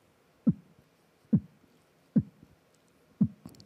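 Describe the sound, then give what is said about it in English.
Four muffled, low 909 kick-drum thuds land at an even, unhurried pace, with a soft, rounded tone that recalls a slow heartbeat. No voices. “Yes, it sounds like a heartbeat.”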